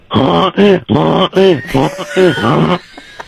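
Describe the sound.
A caller to a radio show imitates a donkey's bray: a loud, rhythmic series of harsh, alternating hee-haw cries, about six bursts rising and falling in pitch, trailing off at the end.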